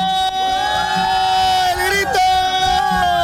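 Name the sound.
crowd shouting together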